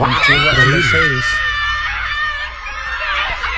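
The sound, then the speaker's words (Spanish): A woman screams with excitement at an event where a G-Wagon vehicle is being given away, loud, high-pitched and shrill, in a continuous burst lasting throughout, while a deeper voice talks briefly underneath at the start. “A mí me encanta cómo gritan ella.”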